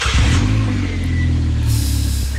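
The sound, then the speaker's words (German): A motorcycle engine revs loudly, a steady throaty roar with strong low harmonics that holds for a couple of seconds, with a faint whine on top. No one speaks. “Mama sagt, ich darf keinen Motorradführerschein machen, weil das sehr gefährlich ist, Motorrad zu fahren. Dabei ist das Geräusch schon gut, ne?”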